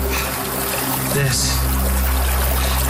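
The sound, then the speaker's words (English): Snowmelt water trickles and gurgles steadily over rocks in a small mountain stream in the snowpack at the furthest upstream origin point of the Rio Grande, a continuous wash of sound with a brief faint voice in the background. “we hiked up into the snowpack to see it melting, to see it becoming the Rio Grande.”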